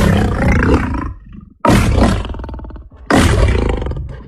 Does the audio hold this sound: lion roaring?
yes